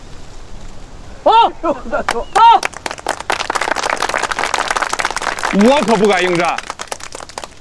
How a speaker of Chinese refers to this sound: 哟，新同志，自告奋勇，鼓掌！